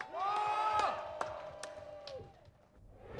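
A crowd cheers with sustained whoops and shouts, scattered claps cutting through, fading briefly before the noise picks up again.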